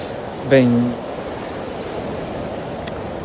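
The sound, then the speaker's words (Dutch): Steady, continuous rush of sea waves washing onto a shore, a constant mid-level roar throughout, with a brief higher tonal cry near the start. “Nu moet je de zee wel leuk vinden.”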